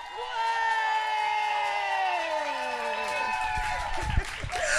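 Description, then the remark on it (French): A loud crowd cheers and whoops with sustained, rising and falling voices, applauding the first performer, while scattered clapping and noise build up toward the end. “Et maintenant on va commencer à applaudir, faire un tonnerre d'applaudissements pour la première.”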